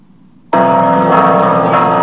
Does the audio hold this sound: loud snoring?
no